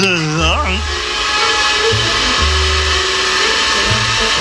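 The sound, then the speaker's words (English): A vacuum cleaner roars steadily and loudly, a continuous hissing whoosh over a low droning hum, with a brief warbling, voice-like wail at the very start. “Distortion and feedback. That's the vacuum cleaner.”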